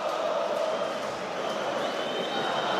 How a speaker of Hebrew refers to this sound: עכשיו עוד פעם הקהל, הוא כבר בחגיגות משלו.